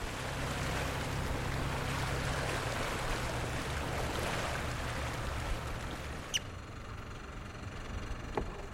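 A boat engine drones steadily over rushing water as skipper Jørn Olsen slows the boat approaching Barakkebroen, the only harbour on the island of Saltholm; the noise drops noticeably as the vessel eases off speed, with a brief knock and a quieter hum continuing to the end.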